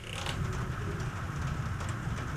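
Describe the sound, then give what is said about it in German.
Rain falls in a steady, unbroken hiss with a low rumbling undertone, fairly soft and even throughout, with no voices or distinct individual drops standing out. It is heard in the background of a Kanal 3 broadcast on a Monday evening, at 18 minutes before 6, on a day of rain that kept coming and going. “Hört ihr es? Ja, das ist der Regen.”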